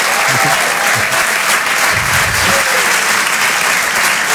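Loud, sustained applause from a large audience for comedian Marc Rouget, live at the Open du Rire on Rire et Chanson: a dense steady clatter of many hands clapping with no letup across the whole stretch.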